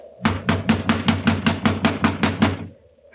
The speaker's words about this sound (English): You just have to keep knocking till he wakes up.